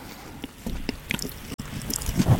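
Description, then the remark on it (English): Loud, wet chewing of food right up against a microphone pop shield, a string of irregular squelchy, gloopy mouth sounds with short clicks and smacks, no talking. “Just chew as loud as you can into the pop shields.”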